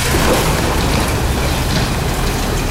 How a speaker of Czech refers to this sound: Teď už se podzemí definitivně uzavírá. Zasypává se první ze čtyř jam a hlušina padá dolů do téměř kilometrové hloubky.